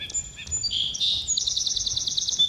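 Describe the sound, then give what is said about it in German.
Birds chirp in an outdoor field recording used in John Cage's piece Telephone and Birds: high, bright whistles give way to a rapid, steady run of repeated chirps, clear above a soft low rumble. “Field Recordings von Vogelgezwitscher werden in John Cages Stück Telephone and Birds mit den akustischen Warteschleifen von Anrufbeantwortern gemixt.”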